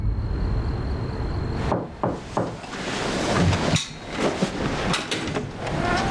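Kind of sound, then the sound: household object, knocking on a door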